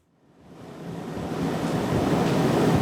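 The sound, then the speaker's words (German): A rattling air conditioning unit in a training room at Cologne University Hospital, cooling many high-speed computers, fades in over the first second and then holds a steady, broad, airy roar with a grainy texture. No one speaks. “In einem Schulungsraum des Kölner Uniklinikums rattert die Klimaanlage.”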